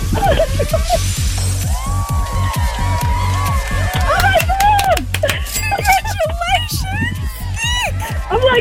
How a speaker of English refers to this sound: Squealing and clapping in the car, everybody's looking at me.